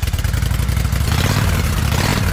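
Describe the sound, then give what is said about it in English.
A motorcycle engine runs with a loud, steady low rumble and rapid pulsing beats, holding an even idle-like throb throughout without speech. “Can you hear it? The road is calling. Is your bike ready?”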